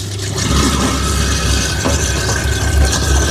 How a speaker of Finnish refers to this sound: laitetaan kylmää vettä sinne, laitetaan masina pyörimään ja mulla on tällainen oma spatula, mikä ikinä tämä nyt suomeksi onkaan, niin tällä tungen näitä biojätteitä sitten tonne myllyyn. Ne uppoaa tonne kivasti tosta noin.